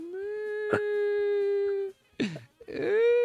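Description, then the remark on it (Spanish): A voice imitates a child crying: one long, steady wailing note, then a short pause and a couple of choked, sobbing bursts that slide up and down in pitch. It is fairly loud. “¿Qué pasó, Treguardo? ¡Otra vez usted llorando!”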